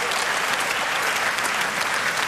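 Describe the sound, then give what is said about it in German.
Steady, dense audience applause for a large orchestra of young, talented men, many hands clapping at once in a continuous bright crackle with no pauses and no voices standing out. “Ja, das ist euer Applaus.”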